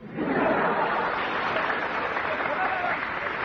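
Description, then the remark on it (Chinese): Sustained applause from an audience, a dense steady clatter of many hands clapping that holds at an even, fairly loud level for the full few seconds with no voices standing out. “那大伙儿先别鼓掌，鸡蛋怎么是黄忠呢？”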